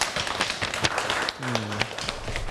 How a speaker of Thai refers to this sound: ขอบคุณนักเรียนมากครับที่ได้ทำกิจกรรมอย่างสนุกสนานและก็สำเร็จไปได้ด้วยดีนะครับนักเรียนทุกคนปรบมือให้ตัวเองหน่อยครับ